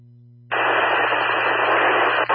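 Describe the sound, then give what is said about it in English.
A low hum gives way abruptly to a loud, steady burst of static as a radio transmission from unit 9155 cuts out, hissing continuously for about two seconds, briefly dropping out near the end. “9155, you completely cut out all static.”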